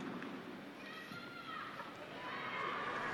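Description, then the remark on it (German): After Pope Leo's blessing, a large crowd, gathered despite the heat to greet him, cheers and applauds in a steady, dense roar, with high-pitched shouts and whistles rising above it, growing slightly louder toward the end. “Auf den Segen des Papstes folgt Applaus der jubelnden Menge, die heute trotz der Hitze gekommen sind, um Papst Leo zu begrüßen und ihn zu hören.”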